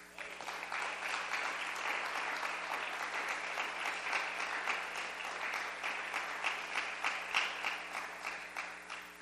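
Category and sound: crowd, audience clapping hands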